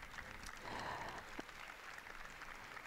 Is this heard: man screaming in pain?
no